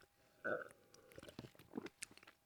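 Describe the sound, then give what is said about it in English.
A loud, exaggerated radio-style slurp of coffee on the radio show The Hangover Cure, followed by wet mouth clicks and a gulping swallow, with no talking. “Complete with exaggerated radio slurp, of course. Let's do it again.”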